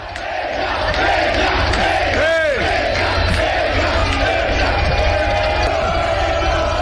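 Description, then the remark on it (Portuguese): A large crowd of Vasco da Gama football supporters, greeting their team at its hotel before the first leg of a Copa Sul-Americana semifinal against Boca, roars and chants continuously, a dense wall of massed voices with occasional louder whoops and a rising shout cutting through near the middle. “Vamos ouvir um pouquinho da torcida.”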